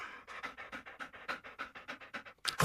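A dog named Kooki pants quickly and steadily, about a dozen short breathy huffs in a regular rhythm, ending with a louder burst of breath.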